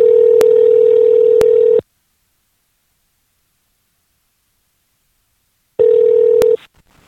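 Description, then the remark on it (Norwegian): A telephone call to a woman living in the USA rings: a loud, steady electronic ring tone for about two seconds, four seconds of silence, then a second ring cut short, with faint clicks on the line. “Og skulle vært moro og fått en prat med henne på telefon.”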